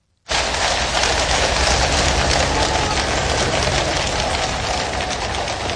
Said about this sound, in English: Horses' hooves there, and because it's London, the gentle sound of rain.